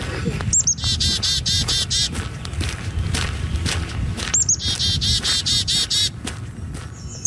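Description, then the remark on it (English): Birds in Edmonton sing in bursts of rapid, repeated high chirps, two long phrases separated by a short pause, with a rustling outdoor murmur underneath and no voices. “Bird Song, Edmonton's quiet soundtrack, was produced by Tanara McLean.”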